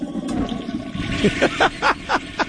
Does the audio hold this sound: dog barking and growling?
no